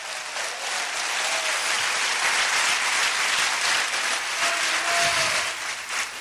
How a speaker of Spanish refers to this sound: Dele fuerte ese aplauso a Cristo, aleluya.